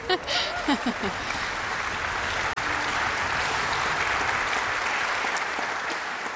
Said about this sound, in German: Sie haben gerade sicher schon für ihn geklatscht, aber ich darf Sie noch mal bitten.